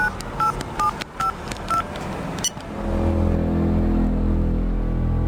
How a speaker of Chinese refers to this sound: 他拿出手机拨通了唐州市国家安全局的电话